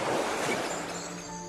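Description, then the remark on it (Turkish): Rough Black Sea waves at Giresun surge in a loud, continuous rushing roar that fades slightly toward the end, with faint steady tones lingering underneath. “Hırçın dalgasında boğuşan balıklar.”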